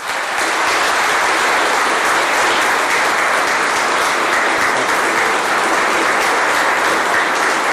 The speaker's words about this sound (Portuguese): para esses meninos e meninas, uma salva de palmas.